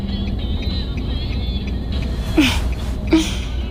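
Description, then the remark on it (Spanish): Steady low rumble of a car's interior on the move, driving to an archaeological site, engine and road noise droning evenly throughout, with two brief sharper sounds breaking through near the end. “Que estemos tú y yo aquí en un coche, camino de un yacimiento arqueológico, para tratar de encontrar restos que expliquen qué está pasando con no sabemos qué.”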